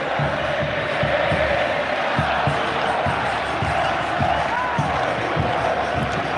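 A huge crowd roars continuously at night in a stadium called the loudest in the world, bathed in white, a dense wall of cheering and shouting that fills the whole clip, with faint thumps and bursts rising out of the steady din.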